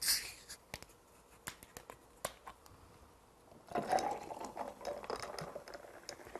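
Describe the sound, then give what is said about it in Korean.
Sparkling water is poured into a glass with ice to make a black tea ade, starting with scattered fizzy crackles and pops before a steady pour swells up, bubbling and hissing, for the final few seconds. “자, 그러면 탄산수 넣겠습니다.”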